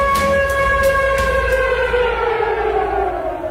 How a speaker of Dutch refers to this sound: Dit is het VPRO-programma Het Gebouw. U hoort een sirene. Dat is geen toeval.